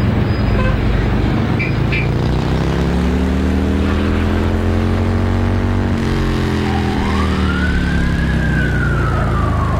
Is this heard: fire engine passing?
yes